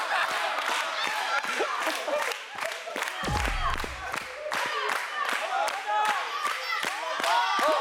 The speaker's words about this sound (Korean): 셋, 둘, 하나, 번화를 돌려주세요. 와, 박수치기, 박수치기.